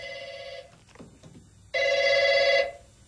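A telephone rings in two bursts, a steady electronic trill that stops, pauses for about a second, then sounds again loud before cutting off.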